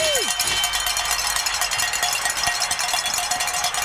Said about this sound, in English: ring some bells. Yay.